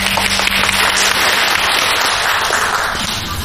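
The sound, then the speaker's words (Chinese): A crowd at a company presentation for an internet firm, Yingwei Network Technology, bursts into steady, dense applause as a shareholder is invited on stage, many hands clapping at once in a loud, continuous crackle that holds for a few seconds before easing slightly at the end. No one speaks. “哎呀，没什么，来就分享一下咱们赚钱的经验，来给点掌声。”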